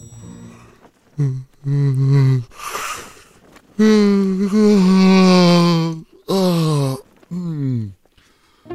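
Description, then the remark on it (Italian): A drawn-out, voiced yawn with a breathy intake, followed by several shorter groaning yawn sounds, fairly loud with no talking. “Ma ce lo spiega bene il nostro premio Nobel per lo sbadiglio.”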